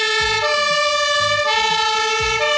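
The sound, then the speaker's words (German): Loud fire brigade and ambulance sirens blare continuously, a steady high-pitched wail layered over a rhythmic low engine rumble, with no talking. “Natürlich, das sind die Sirenen von der Feuerwehr und vom Rettungsdienst.”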